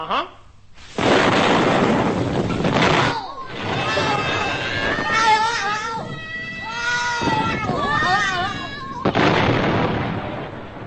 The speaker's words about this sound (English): The giant capsule was today exploded and went bang.